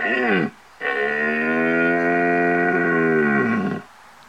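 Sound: red deer stag roaring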